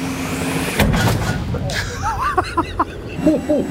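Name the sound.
tank cannon firing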